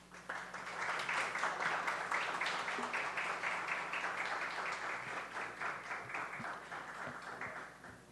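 An audience at a session of the Câmara Municipal de Viçosa breaks into steady applause to salute the owners of the Manual Esporte Clube de Corrida, many hands clapping in a dense, continuous patter that holds at an even level for several seconds with no voices over it.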